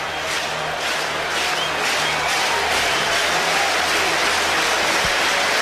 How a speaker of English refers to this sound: Some fans trying to get it going here with a rhythmic clap. Everybody's on their feet.